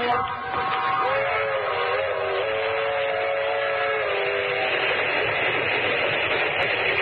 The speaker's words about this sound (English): Train is the Southeast Limited. See it? Long, sleek, and powerful. Flicking off the miles on the humming rails. A masterpiece of 20th century mechanical perfection.